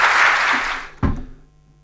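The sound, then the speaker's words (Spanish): A dense, hissy wash of applause that thins out over about a second, then a single sharp thump cuts in and rings out briefly before fading to near silence. “Y por la aplaudición.”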